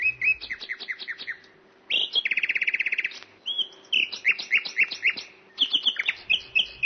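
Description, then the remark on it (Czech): A nightingale on a perch sings clear, with rapid repeated trills, sharp whistled notes and rich varied phrases tumbling one after another in a lively, continuous song. “Když císař usedl a pokynul, Slavík na bidélku se dal do zpěvu.”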